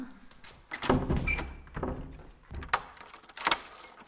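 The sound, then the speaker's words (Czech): Keys jangle as the door of a polling room in Bořetín, Pelhřimov area, is locked by the election commission chair at exactly 14:00, with a few metallic clinks and dull thunks from the lock in short bursts, no talking. “předsedkyně volební komise v Bořetíně na Pelřimovsku, uzamknula dveře volební místnosti.”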